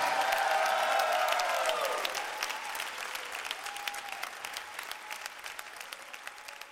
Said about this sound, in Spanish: Ese aplauso fuerte al Señor.